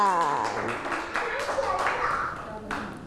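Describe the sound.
Children clap for a classmate at their teacher's request in a quick, uneven patter lasting a few seconds, mixed with high-pitched young voices chattering over the claps.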